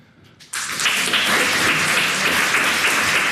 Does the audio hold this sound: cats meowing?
no